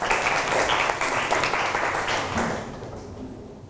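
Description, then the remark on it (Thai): A class of students clapping together in a classroom for a classmate who gave a correct answer in a maths lesson. The dense burst of applause stays loud for a few seconds and then gradually fades out. “ถูกต้องครับปรบมือให้เพื่อนหน่อยครับ”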